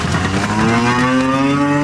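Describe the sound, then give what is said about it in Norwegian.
A cow gives one long, loud, low moo that holds steady for about two seconds, its pitch drifting slightly, with no talking over it. The cows are being let out of the barn after a long winter indoors, on a farm in Bardu, Troms. “For etter en lang vinter inn i fjøsen, kan kyren til bardubonden Ole Petter Melhus kjenne frisk rest under føttene igjen.”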